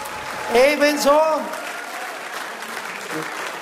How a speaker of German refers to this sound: Also die Blusengäpf, einen kräftigen Applaus, bitteschön, auf die Bühne.